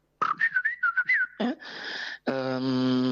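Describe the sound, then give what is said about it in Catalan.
A person whistles a quick, warbling imitation of a blackbird's song, rapid rising and falling notes, followed by a breathy, hissing rasp and then a steady, buzzy humming tone. “La merla.”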